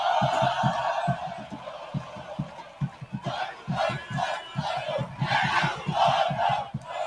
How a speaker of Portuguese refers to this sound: Acho que a nossa técnica está passando aí a vibração do torcedor, e solta o som da massa, né? Gosto de ouvir isso, gosto de ouvir o torcedor do 13 quando grita, né?